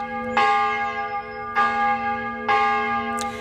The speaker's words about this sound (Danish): Hvis man i gamle dage vågnede op midt om natten ved, at kirkeklokkerne ringede, så var det tid at vælte ud af sengen og komme afsted, fordi i gamle dage der betød den her ringen om natten ofte, at der var far på færde.